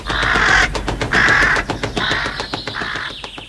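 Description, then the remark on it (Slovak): A crow caws loudly, four harsh, raspy calls in a row with short pauses between them, over a faint background hiss. “Radšej počúvaj, čo za novinky som sa od vrany dozvedel.”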